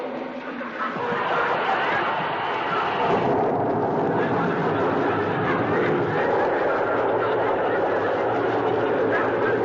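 One tablespoon of soothing syrup fizzing furiously in a glass of water: after a brief quiet moment, a loud, steady, roaring hiss surges up and keeps gushing without a break until the end.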